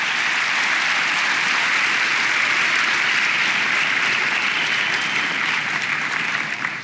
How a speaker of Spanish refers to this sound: Sí, apláudale, vale la pena, hermano, vale la pena aplaudir.